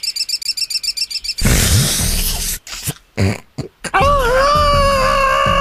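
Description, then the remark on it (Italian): A voice imitates a budgerigar: a quick run of rhythmic, high chirps, then a loud raspy squawk broken by pauses, ending in a sliding, warbling whistle-like call. “Sono una cocorita, la cocorita.”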